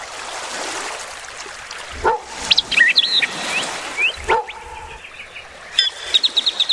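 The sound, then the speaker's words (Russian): Outdoor ambience on a lakeshore where a boy plays with his dog: a couple of sharp barks, while birds chirp and trill in quick bursts over a steady background hiss, with a rapid twittering run near the end. “Андрей играл со своей собакой на берегу озера.”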